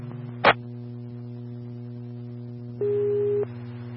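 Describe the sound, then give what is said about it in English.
Dispatch alert tone sent to Medic 6 for a medical transport: a brief crackle, then one steady mid-pitched tone holding for just over half a second, over a constant low electrical hum with no talking. “Medic 6 Tones for medical transport, Wellbrook Senior, living to San Juan Regional 201.”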